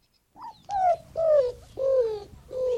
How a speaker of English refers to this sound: Roadrunner, of course! Bird experts know it as the greater roadrunner. There's a lesser roadrunner in southern Mexico. Let's listen to its true voice.